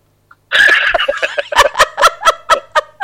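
A fowl clucks loudly and up close in a rapid string of about ten sharp, repeated calls that quicken toward the end, with no one talking.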